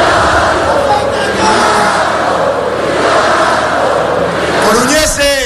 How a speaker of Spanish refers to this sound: Hoy, el ambiente que había en esa Plaza de María Pita, llena hasta la bandera, sonaba más o menos así.